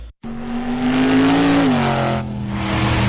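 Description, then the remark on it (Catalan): After a brief silence, a car engine revs loudly at the Motor Show Extreme touring show in Abrera, Catalonia, its pitch climbing and then dropping back before holding a steady roar. No one speaks. “Motor Show Extreme, de gira per Europa.”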